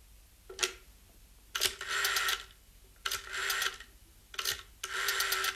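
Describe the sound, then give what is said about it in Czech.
A rotary telephone being dialed: short clicks, each followed by about a second of whirring, ratcheting return of the dial, repeated three times in a steady rhythm with no voices. “Telefon už bude fungovat.”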